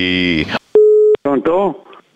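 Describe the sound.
A single steady, mid-pitched phone line disconnect tone sounds loudly for under half a second as the phone line is closed on a caller, with voices talking just before and right after it.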